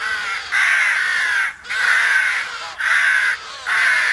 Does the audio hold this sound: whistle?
no